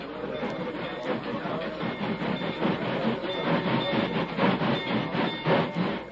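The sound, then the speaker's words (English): A train rumbles steadily along the rails across a bridge with a rhythmic clatter of wheels, loud, filling the scene with dense mechanical noise and no voices. “Where'll that train stop? As soon as it's across the bridge...”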